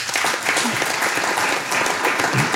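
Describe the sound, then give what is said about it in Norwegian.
A short burst of applause, dense and steady clapping at a fairly loud level, with a faint murmur of voices mixed in. “Det en liten applaus for den.”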